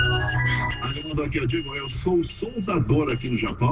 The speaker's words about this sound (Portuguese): Oh, a minha sirene aí,